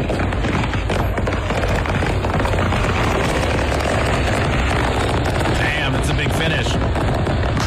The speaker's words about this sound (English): This is what it sounded like when that factory thing was blowing up.